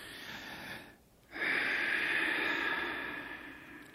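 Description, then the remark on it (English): A short breath is drawn, a brief pause follows, then a long, loud, deep inhalation with a raspy, slightly wheezy hiss from a young male patient breathing on request during an examination in a doctor's office. No talking. “All right, …, another breath.”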